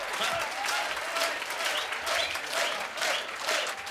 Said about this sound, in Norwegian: Ja da, gir vi en ekstra applaus til dansebandet for en fremragende kveld.